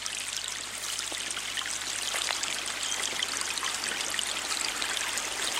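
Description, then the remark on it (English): A small creek in a park babbles steadily, murky water bouncing between bright orange rocks; a continuous bright rush of trickling water with little splashes and gurgles, fairly loud, with no voices. “I scurried down a large dirt hill, and before me was a little flowing stream of murky water, bouncing between bright orange rocks.”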